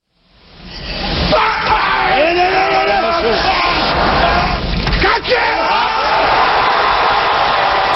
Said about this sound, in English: This weightlifter just hoisted 470 pounds right over his head. That scream he's making, it's called an effort grunt. Gotcha! These grunts don't generate any extra strength or power. Vocalizing just helps athletes focus.